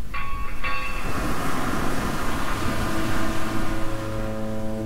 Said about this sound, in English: Lovely to hear those foghorns